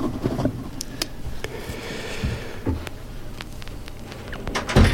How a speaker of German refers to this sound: Ich habe heute mal in eine Schublade in meinem Plattenregal geöffnet, die ich sonst nicht öffne, und habe dort Singles aus den 80er Jahren hervorgekramt.